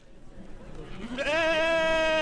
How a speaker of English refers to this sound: The Tunbridge Fairgrounds is alive with bleating sheep, vendors selling wool and fiber products, and people wearing sweaters.